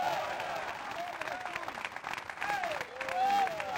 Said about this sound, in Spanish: Dele fuerte aplauso al Cristo de la Gloria.